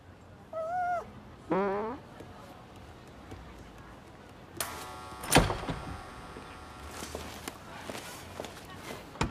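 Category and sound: animal, dog whimpering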